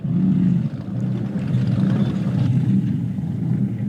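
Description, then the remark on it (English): The speedboat Bluebird's 454 Chevy V8 engine holds a deep, throaty rumble at a steady loud level, a low burbling drone with a faint hiss of water and no voices. “That's running a 454 Chevy, hence the sound.”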